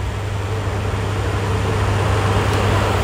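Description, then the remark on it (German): An electric fan runs steadily, a constant airy whoosh over a low motor hum that never changes in level for the whole stretch. No voices or other sounds break through. “Ja, wer im Moment einen Ventilator zu Hause hat, behandelt ihn wahrscheinlich wie einen Familienangehörigen.”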